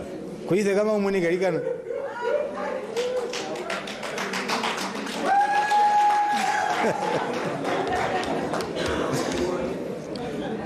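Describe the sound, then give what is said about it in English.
An audience claps steadily for several seconds, the applause dense, with voices cheering at the start and a sustained whistle-like tone briefly rising above it. “Please clap for hands for her.”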